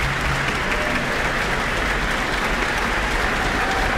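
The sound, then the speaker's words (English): Sustained applause from a concert audience, a dense, steady wash of many hands clapping at an even loudness for the full four seconds, with no voices standing out, as soloist flutist Camila Hoitenga returns to the stage and bows with the APO musicians. “And tonight's soloist, flutist Camila Hoitenga, is back on stage now, basking in the applause.”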